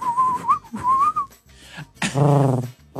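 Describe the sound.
A person whistles a warbling tune imitating a thrush, two rising and falling phrases in quick succession, followed by a short burst of a lower, buzzy vocal sound.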